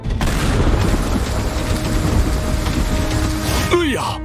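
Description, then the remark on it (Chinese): A newly started high-intensity engine runs steadily, climbing through Venus's atmosphere toward the habitable layer: a loud, steady roar rumbles continuously with a faint whine riding on top, then a quick sweeping whoosh cuts in near the end. “发动机运行十分稳定，我们离宜居层越来越近了。”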